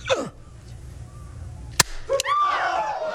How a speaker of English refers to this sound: I see that our neighbors know where we're meeting tonight. Now, everybody sit still. It was just a firecracker. Nobody's going to be hurt.